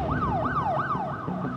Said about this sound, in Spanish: Conocemos sonidos difíciles de ignorar. Una sirena.